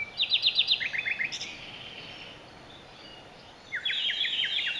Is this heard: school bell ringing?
no